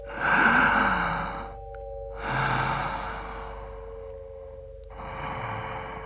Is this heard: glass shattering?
no